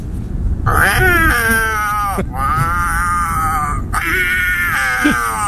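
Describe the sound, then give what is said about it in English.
A voice imitates a yowling cat in heat: three long, wavering, nasal wails with bending pitch, loud, each howl rising and sliding down before a brief breath. “Here is my impersonation of a cat in heat.”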